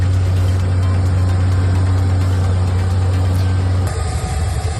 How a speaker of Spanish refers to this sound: Sonido de los helicópteros que sobrevuelan la zona en un dispositivo de evacuación inédito en el que están involucradas 23 nacionalidades.